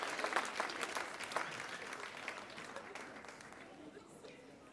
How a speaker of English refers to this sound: Applaudissements.